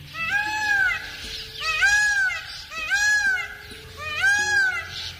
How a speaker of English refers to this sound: You've probably heard the call of a male peacock in a park or zoo. But the bird we're hearing is calling at the edge of a dry forest in northern India, where it is a native.